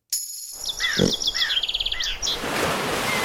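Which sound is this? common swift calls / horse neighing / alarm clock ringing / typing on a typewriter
common swift calls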